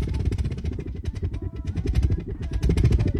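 Burning rubbing alcohol makes a steady, rumbling roar like a running engine, throbbing with rapid low pulses and a rattly texture, continuing loudly for the whole stretch.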